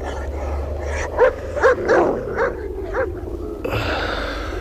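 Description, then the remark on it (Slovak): A sheepdog lets out a series of short barks mixed with high whimpering whines, about five or six yelps over a steady low rumble in the background. “Nelapaj ty, nie, zostaneš pri ovciach.”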